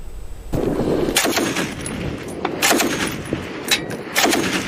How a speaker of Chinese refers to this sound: 根据胡塞武装八号发布的视频，现场交火十分激烈，可以听到密集枪声。